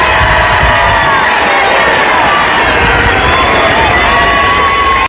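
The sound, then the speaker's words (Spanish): A packed crowd in the Plaza de España roars and cheers continuously, a loud, dense wash of overlapping voices and shouts with no pauses, occasional whoops rising above the steady din. “La Plaza de España está a reventar y escuchamos el sonido.”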